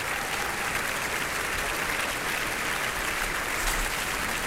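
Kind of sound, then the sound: crowd, opera audience applause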